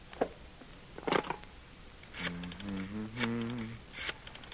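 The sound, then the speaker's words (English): A few quick papery swishes of phone book pages being flipped while looking up the Owl Diner, with a short tonal hum or voiced murmur partway through. “Coming up, one phone book. Yeah, let's see. Oliver. Olson.”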